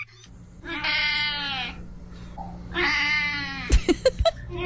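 A cat lets out two long, drawn-out meows, loud, over a low steady hum, followed by a few quick sharp knocks.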